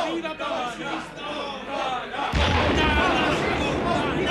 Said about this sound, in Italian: Sentito, esplodono le cariche a salve di Castel Sant'Angelo.